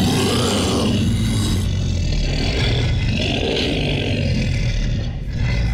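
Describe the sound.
An announcer's voice imitates a monster, made by Russian sound artists with a sound engineer, letting out a long, continuous, gravelly roar that stays loud and rumbling for several seconds, thick with low growling texture and breathy rasp.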